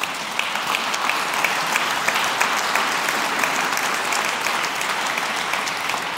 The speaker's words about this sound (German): Die dürfen klatschen.